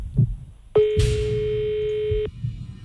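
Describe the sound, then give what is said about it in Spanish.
A single long ringback tone on an outgoing phone call to an elderly woman, a steady electronic beep lasting about a second and a half, clear over faint background rumble. “Venga, anciana, cójanos el teléfono.”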